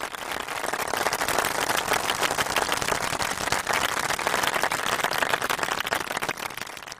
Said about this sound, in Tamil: அழகாக விளையாண்டிங்க, டக்கு டக்குன்னு பதில் சொன்னீங்க, கோர்வையாக விளையாண்டிங்க, அதனால கைத்தட்டல் கொடுத்தேன் சரியா?